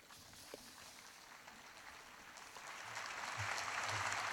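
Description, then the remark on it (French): A crowd of faithful applauds in welcome at an audience with the Holy Father, a dense wash of clapping that starts moderate and swells louder toward the end, with no voices. “Et accueilli par les applaudissements.”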